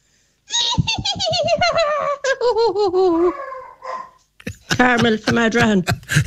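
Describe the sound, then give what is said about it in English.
A woman, a radio listener from Adrahan, imitates a filly's whinny to win tickets for the Galway races on Ladies' Day: a long quavering neigh that slides downward in pitch, followed by a second shorter, shakier burst, with a dog impression mixed in. It sounds loud and laugh-like. “You better impress us with your filly impression.”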